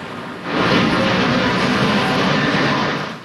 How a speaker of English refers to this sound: The engines of Canada's iconic snowbirds roared over the Ottawa area before being grounded.